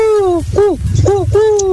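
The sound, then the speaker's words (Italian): A person imitates an owl's hoot, though it comes out more like a turtle dove's coo: four falling hoots, long then two short then long, over a low background rumble. “Ma queste sono tortorelle però, dai. Però bravi, bravi, si sono messi in gioco.”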